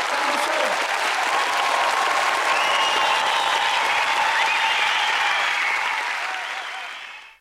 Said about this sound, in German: Applaus für Konrad Beikircher hier im Freien Radio Kassel in der Sendung Kabarett Live im Freien Radio mit unserer Gedenksendung, mit der dritten inzwischen Gedenksendung für Konrad Beikircher.